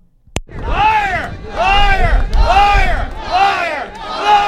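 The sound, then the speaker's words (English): A large crowd of protesters on the steps of Confederation Building boos and shouts "liar" in protest against the government's deal with Hydro-Québec on the Churchill Falls Agreement; a repeated chant rises and falls in about four loud surges after a sharp opening bang, with dense voices and rumbling noise throughout. “Protesters booed and shouted liar as they denounced government's about turn on holding a referendum on the deal.”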